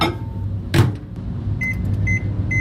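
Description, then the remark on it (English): A microwave oven hums steadily at close range, with a brief clunk near the start and a series of short, high electronic beeps toward the end. No one speaks. “The verdict in RNZ's Auckland newsroom, fish is fine as long as it doesn't go near a microwave.”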